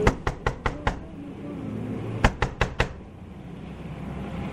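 Knocking on a window: a quick run of five sharp raps, a pause, then four more, crisp against a low, steady background rumble.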